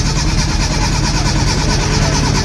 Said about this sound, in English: Duncan, what's that? Is that... That doesn't sound good. That does not sound good, Duncan. It sounds like the car's not starting, Duncan. Is that what's happening?